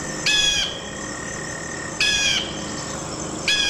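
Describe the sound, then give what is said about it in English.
A bald eagle call played back as a recording: three shrill, high-pitched chattering bursts spaced out over a few seconds, fairly loud, with no talking and a faint steady hiss underneath. “The bald eagle.”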